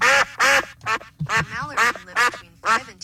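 A duck quacks repeatedly, about six loud, raspy, nasal calls in quick uneven succession, with brief pauses between them.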